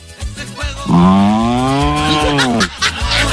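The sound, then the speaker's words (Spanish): A person imitates a cow with one long, loud, drawn-out moo lasting about two seconds, voiced with a steady low tone that bends slightly before trailing off. “¿Cómo hace la vaca?”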